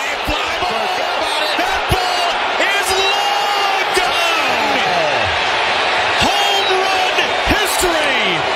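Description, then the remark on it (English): A big baseball stadium crowd roars steadily throughout, cheering a home run, with scattered whoops and rising whistles over the din, punctuated by sharp thumps like a ball bouncing on a hard court. “You're wondering why they're cheering.”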